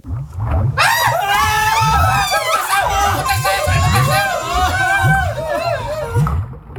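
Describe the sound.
Several voices of people sitting huddled and clinging to each other in a warehouse as a monster charges at them shriek together in a loud, sustained tangle of high-pitched screams, layered over a low, rhythmic pulsing rumble that repeats steadily beneath them.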